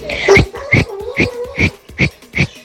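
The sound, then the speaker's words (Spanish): A person whistles a series of six short, evenly spaced high chirps, each with a breathy, airy attack, fairly loud and without any talking. “¡Chiflas muy bien!”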